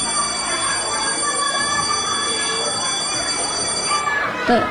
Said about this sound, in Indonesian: Dan tidak lama kemudian, bel pun berbunyi.